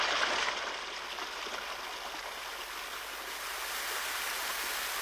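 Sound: rushing stream water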